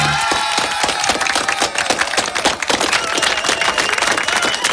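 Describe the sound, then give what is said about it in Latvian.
Steady applause from a crowd on a Latvian radio broadcast greeting the start of meteorological summer, dense overlapping claps with a few scattered cheers, loud and continuous throughout without any speech on top. “Sākusies meteoroloģiskā vasara. Ar aplausiem, labi, labi.”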